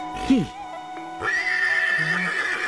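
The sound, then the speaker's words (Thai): An unruly wild horse gives a short, loud whinny with a rising then falling pitch, followed by a sustained high-pitched tone and low background rumble. “ม้าตัวนี้มันพยศเหรอพระเจ้าข้ามันเป็นม้าป่าลักษณะดีพรานเพิ่งเอาเข้ามาถวายเจ้าชายองค์อื่นๆพยายามฝึกก็ไม่สำเร็จแม้แต่เจ้าชายเทวทัตที่ปรีชาสามารถเรื่องม้าก็ฝึกไม่สำเร็จเหมือนกันพระเจ้าค่ะ”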